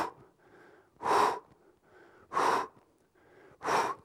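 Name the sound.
exhaling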